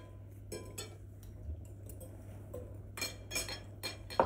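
A metal knife and fork clink and scrape against plates in a series of irregular taps while people eat salad, with a low steady hum underneath and no talking.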